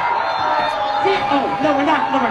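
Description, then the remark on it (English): A large crowd boos Zoran Mondami off stage at a Staten Island first responders event, loudly and steadily, overlapping voices forming a dense, sustained roar with a few low, drawn-out jeering tones rising above it throughout. “That is Zoran Mondami getting booed off stage at an event at Staten Island's first responders event, and I love it.”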